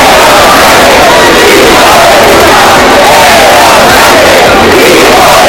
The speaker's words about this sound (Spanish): Miles de personas han salido también a la calle aquí en Santiago al grito de Sánchez dimisión y entre insultos al presidente del gobierno.